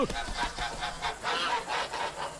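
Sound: geese honking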